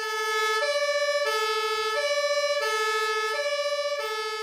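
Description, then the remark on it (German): A fire engine's two-tone siren wails loud as four fire brigade vehicles, including a turntable ladder, set off on an emergency call to a small fire, alternating steadily between a high and a low note about every second, with no voices over it. “Und jetzt gehen die Feuerwehrleute los im Auto und fahren zum Einsatz.”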